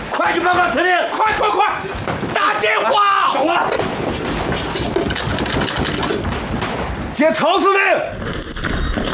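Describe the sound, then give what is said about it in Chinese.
Rapid bursts of gunfire crackle steadily throughout, loud, with shouting voices breaking through at the start, around the middle, and again near the end. “哪儿来的枪声？”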